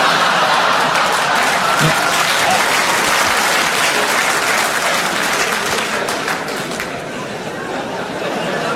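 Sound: audience applause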